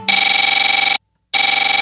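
An old electronic cell phone ringtone trills loudly in two bursts, a shrill buzzy warble with a short silent gap between rings, clear with no one talking.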